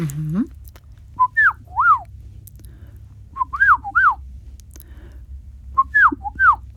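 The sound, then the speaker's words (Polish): A person whistles an imitation of a golden oriole's fluting song, three short repeated phrases of rising-falling notes separated by pauses, clear over a low background hum. “Ale też bardzo lubię wilgę.”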